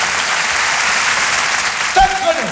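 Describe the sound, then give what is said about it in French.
An audience claps to encourage Muriel Robin as she begins an improvisation, in steady, dense applause for a couple of seconds, a continuous crackling wash with no breaks. A voice briefly rises over it near the end. “On l'applaudit pour l'encourager.”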